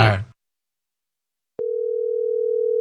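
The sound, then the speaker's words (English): A telephone dial tone after the other party hangs up on the call: a brief snatch of voice, a second of silence, then a click and a steady, unbroken low hum that continues to the end. “He's hanging up on us.”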